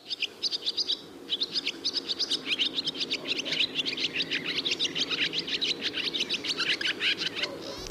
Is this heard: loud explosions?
no